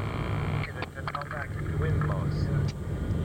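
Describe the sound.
A steady, low droning hum of aircraft engines fills an airplane cabin throughout, continuous and even, with faint indistinct voices murmuring over it.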